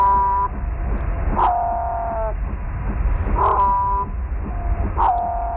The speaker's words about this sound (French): cette fois-ci on va écouter un autre son que vous nous avez envoyé, celui des baleines bleues pygmées, type Madagascar 2. Alors, on l'écoute.